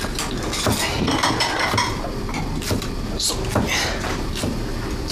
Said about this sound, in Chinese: 哦，我要帮你啥吗？ 帮我把碗筷摆上去， 啊， 五副啊， 五副，啊，今天有客人吗？